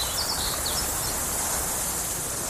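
Open grassland ambience: a steady, dense wash of insect buzz and breeze, with a few quick high bird chirps early on, even throughout.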